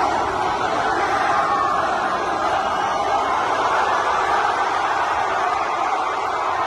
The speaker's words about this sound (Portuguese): O aplauso aumentou quando Cristiano Ronaldo apareceu na varanda, sendo que foram vários os jogadores e elementos da equipa técnica que acenaram aos adeptos.